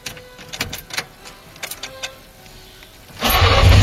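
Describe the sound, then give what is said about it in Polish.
An old FSO Syrena car engine, a car whose production FSO began in 1972, is cranked with a series of uneven clicks and whirring starter bursts, then catches and roars into a loud, steady idle. No one speaks. “1972 rok. FSO rozpoczęło produkcję tego samochodu. Poznacie go po dźwięku.”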